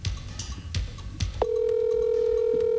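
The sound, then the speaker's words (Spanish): A phone call rings out with no answer: a few soft clicks, then a steady, fairly loud electronic ringback tone that holds unbroken to the end, with no voice picking up. “Llámela por llamada normal, no por WhatsApp.”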